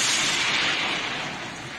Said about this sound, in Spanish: Mándame otra vez la señal, Dios mío, que el trueno no me dejó escucharte.